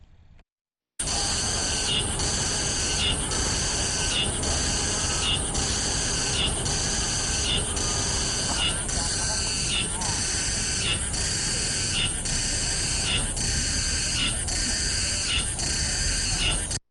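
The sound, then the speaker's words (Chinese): A Mongolian cicada calls loudly and without pause, a harsh, high-pitched buzzing that swells in regular pulses roughly once a second for about sixteen seconds, with no voices present. “接下来呢，再给大家听一下蒙古寒蝉的声音。”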